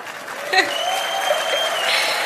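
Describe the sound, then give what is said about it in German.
A crowd of about 46,546 people in an arena applauds steadily at a 100th birthday celebration, a dense wash of clapping with faint voices and a brief whistle-like tone rising over the noise. “alle eingeladen sind zum 100. Geburtstag und das ist euer Applaus.”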